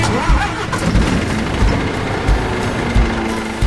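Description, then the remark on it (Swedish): A large diesel engine turns over and settles into a loud rumble, with heavy low-end throbbing pulses recurring steadily throughout. “Och mineralerna som min laptop och skärmen framför mig och all min utrustning består av, de har körts upp ur gruvan med gruvlastbilar på 300 ton och fraktats med långtradare och lokomotiv, alla med stora mullrande dieselmotorer under plåten.”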